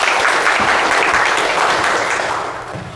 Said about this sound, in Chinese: 那么接下来呢就请我们知书达理小组代表啊给我们说一说他们的方案，大家掌声欢迎。